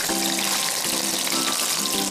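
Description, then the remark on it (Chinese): Steady sizzling of marinated beef cubes pan-frying in hot oil over low heat, a dense crackling hiss that continues without pause, with faint low tonal hum underneath and no one talking. “牛肉块放进去呢，稍微把它煎一下。”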